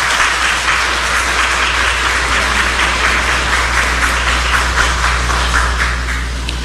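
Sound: round of applause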